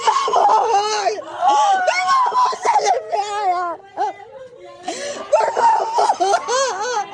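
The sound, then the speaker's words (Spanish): A 19-year-old woman lying in a hospital bed in Polk County, Florida, cries hysterically while trying to cling to her mother as county agents handcuff the mother: loud, wailing sobs and ragged gasps that rise and break over several seconds, emotional, with brief catches of breath between outbursts. “Agentes del condado de Polk, en Florida, esposan a una mujer mientras su hija yace en una cama de hospital, llorando histéricamente mientras intenta aferrarse a su madre.”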